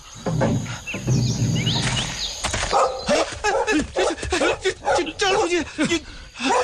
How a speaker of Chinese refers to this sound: 有狗，还是藏獒，一米多高的。